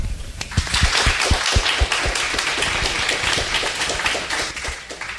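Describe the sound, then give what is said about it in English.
A crowd at a candidates' forum bursts into steady, sustained applause for the candidates, many hands clapping at once in a dense, continuous wash that stays loud for several seconds. “We can give them one more round of applause.”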